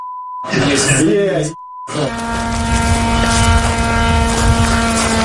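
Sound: attack drone flying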